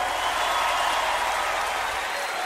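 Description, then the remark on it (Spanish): A crowd applauds steadily, a dense wash of many hands clapping at once, sustained and fairly loud throughout without any break or voices rising above it. “Aplaudan que se acabó.”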